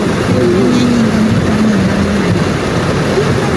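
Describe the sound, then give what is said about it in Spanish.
Loud, steady downpour hissing across the whole clip, with a faint engine-like drone or voice underneath, from a heavy rainstorm over the La Florida and San Felipe sectors of the main port, causing traffic congestion and flooded areas. “Mira, acá está lloviendo.”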